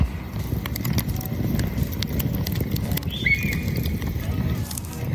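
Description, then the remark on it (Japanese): A bonfire at a small ranch: a steady bed of low rumbling noise scattered with sharp, irregular pops and snaps, like a crackling campfire, with a brief faint whistle-like tone partway through. “聞こえますか？焚き火の音。”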